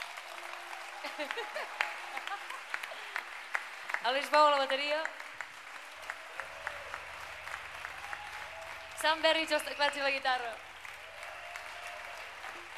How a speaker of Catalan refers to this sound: I res, moltes gràcies a tothom per venir. Un aplaudiment per als que estem aquí dalt.